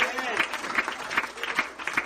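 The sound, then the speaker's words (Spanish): A church audience claps together during a sermon in a steady, rhythmic beat, sharp claps recurring roughly every fraction of a second over a dense background of crowd noise. “Si usted va a aplaudir, hágalo.”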